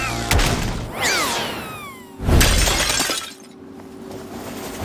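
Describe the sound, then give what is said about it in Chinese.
A loud crash of a breaking antique, sharp and bright, with a second heavy smash about two seconds later and sliding whistle-like tones between them. No one speaks. “白天就是你弄碎了我的古董，现在还敢来？”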